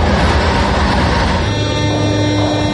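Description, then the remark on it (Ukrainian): A Kyiv metro train on the green line rumbles steadily along the rails, loud, with a dense low roar and a sustained whine that rises midway as the train runs on. “За жовтого рівня поїзди курсують через Дніпро без зупинки.”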